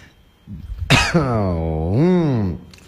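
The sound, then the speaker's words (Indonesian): A single harsh cough bursts out and then trails into a long, drawn-out voiced groan that rises and falls before cutting off. No other talking. “Ditambah batuk juga nih, batuk Pak Haji.”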